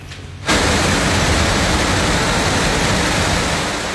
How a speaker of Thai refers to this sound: นี่ครับเป็นคลิปที่คนบันทึกเอาไว้ได้นะครับเป็นน้ำไหลทะลักลงไปตามบันไดและบันไดเลื่อนของห้างสรรพสินค้าแห่งหนึ่งครับอยู่ในสถานีรถไฟชิบะจังหวัดชิบะติดกับกรุงโตเกียวของญี่ปุ่นนะครับ